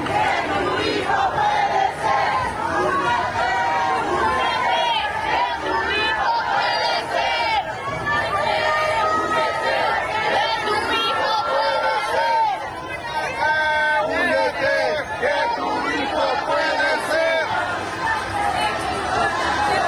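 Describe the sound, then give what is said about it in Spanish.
A large crowd of searching mothers' collectives protesting on Paseo de la Reforma chants and shouts slogans in unison, including "México campeón en desaparición" and "¡Únete, únete!", voices overlapping in a loud, continuous roar with rhythmic rises and falls throughout. “Colectivos de madres buscadoras protestaron ayer sobre Paseo de la Reforma bajo el grito de México campeón en desaparición.”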